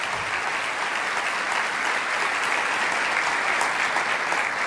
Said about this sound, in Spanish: Vamos, dale ese aplauso.